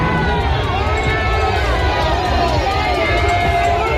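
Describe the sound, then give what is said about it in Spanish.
A dense crowd of protesters shouts and clamors continuously, some shouting "vergüenza" (shame), with overlapping yells rising above a constant low rumble of movement and noise. “Algunos manifestantes han gritado vergüenza.”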